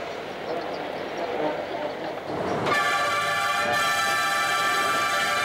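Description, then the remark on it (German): An electric mountain railway train grinds up a 240 per mille gradient along the west side of the Mont Blanc massif toward the Nid d'Aigle with a steady rumble, then a loud, sustained horn sounds and holds for several seconds over the running noise. “dann wird einem kurz schwarz vor den Augen, bevor der Zug am Nidegel dem Adlernest”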